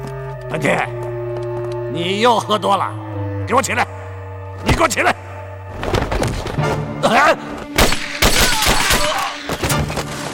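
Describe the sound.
Several sharp gunshot cracks ring out at irregular intervals from the direction of a power distribution room, loud, mixed with raised voices and a low sustained hum underneath.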